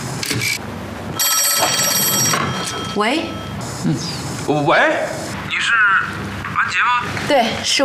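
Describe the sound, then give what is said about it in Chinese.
An old-style telephone bell rings in a single sustained burst of about a second, fairly loud, while voices talk excitedly before and after the ring. “接呀，姐，你来接吧，我不知道要跟他说什么。”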